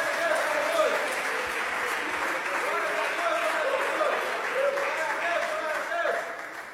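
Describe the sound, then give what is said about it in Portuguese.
An audience applauds steadily, a dense wash of clapping that holds at a constant level for several seconds, with scattered voices calling out beneath it before it begins to fade; the clapping praises the holy name of the Lord during a religious service. “Palmas louvam o nome santo do Senhor.”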